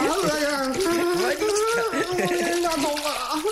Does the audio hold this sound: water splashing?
yes